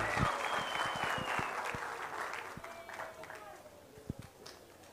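Dense audience applause at an honours ceremony in Itatiba as an honoree receives an award, a steady wash of many hands clapping that gradually thins out, with a few louder individual claps near the end and faint tones lingering underneath.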